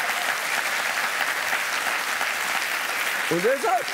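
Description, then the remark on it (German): Steady audience applause fills the whole stretch, a dense wash of clapping at an even level, with a voice briefly breaking in near the end. “Ja, komm mal klatschen.”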